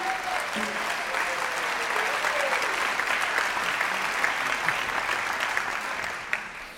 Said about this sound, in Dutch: Een groot applaus voor het NBE, graag.